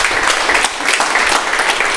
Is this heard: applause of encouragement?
yes